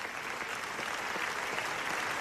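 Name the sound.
festival audience ovation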